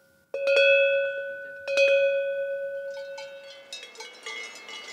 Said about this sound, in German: Jede Herde im Alentejo, wenn sie denn noch traditionelle Kuhglocken hat, bimmelt anders. So weiß der Hirte, wo seine Tiere sind.